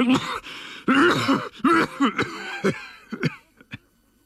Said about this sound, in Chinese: 李云龙剧烈地咳嗽起来，吐出了一口鲜血